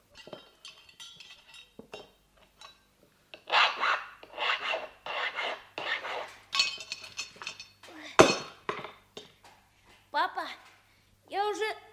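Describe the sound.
Repeated rasping, scraping strokes with occasional metallic clinks as a nut is worked tight with a wrench in a garage, uneven in rhythm and moderately loud, with brief bits of voice near the end.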